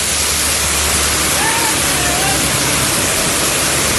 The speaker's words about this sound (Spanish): ¿Qué aguacero hay en Centro Abastos? Llueve fuerte. Cayendo como el cielo ahí, ¿no?